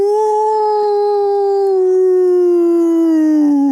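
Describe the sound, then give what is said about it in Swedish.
A single long, steady howl by a person imitating a wolf, held for several seconds and slowly sliding down in pitch at the end, loud with no other sounds. “Ja, men då tar jag, alltså varg är ju inte så svårt så.”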